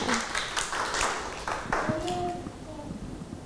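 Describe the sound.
A group of children clap their hands in an uneven, scattered burst of sharp claps that thins out after about two seconds, with voices audible underneath and afterward.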